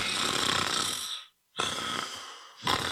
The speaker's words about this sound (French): Hey, réveille-toi, tu ronfles encore! Vos nuits ressemblent à ça? Le ronflement peut cacher un trouble du sommeil.